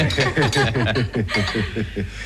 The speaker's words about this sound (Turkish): Hadi bakalım, bardaklarımızı tokuşturalım. Babamızın sağlığına. Evet, babamızın evet, sağlığına. Babamızın emeklilik günlerinin şerefine.